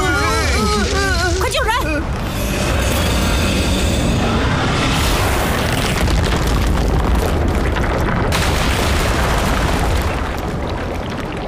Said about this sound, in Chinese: 为了躲过这些爆炸，我们舍弃了躯干， 所以就只能以树枝的形态存活下来。